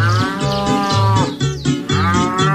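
A cow moos loudly and steadily, one long low bellow that shifts pitch in steps and rises into a strained, nasal tone before settling again, with no talking.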